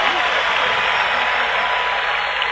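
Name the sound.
loud applause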